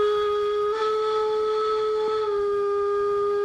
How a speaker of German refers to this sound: Allein das Geräusch, oder? Stilecht, eine Dampflok, erster Halt, Modellbahnausstellung in Halver.